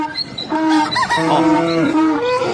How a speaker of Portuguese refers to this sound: Solta a bicharada pra acordar os ouvintes e cuidar da lida.